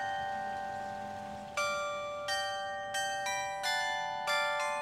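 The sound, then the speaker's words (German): A carillon chimes its 9 o'clock play on a town square, a ringing tone sustained at first, then a quick series of struck bell notes forming a melody, each one resonating and overlapping the next. “Wir sind deswegen extra früh losgefahren, damit wir das Glockenspiel um 9 Uhr mitbekommen”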